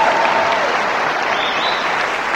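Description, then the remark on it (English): An audience applauds steadily in answer to a speaker asking how many are amazed to be hearing something for the first time: a dense, even wash of many hands clapping at a constant loud level through the whole stretch, with no voices rising above it. “How many people, by round of applause, are just amazed you're hearing that for the first time and you had no idea?”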